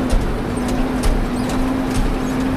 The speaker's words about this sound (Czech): Pěkně s autem jenom skáčeme v těch dírách.